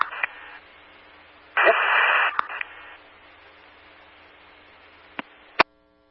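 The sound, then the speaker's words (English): Harsh radio static hisses and crackles in bursts, swelling loud for about a second in the middle, then fading to a low hiss broken by a few sharp clicks before cutting off. “That was all static.”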